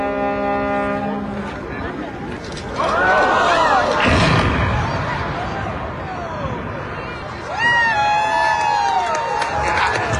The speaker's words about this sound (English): The 80-year-old Chester Bridge has come down as the crowd gathered and lawn chairs looked on.